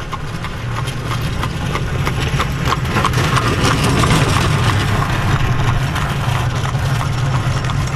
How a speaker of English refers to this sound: Passing traffic in Holmes County.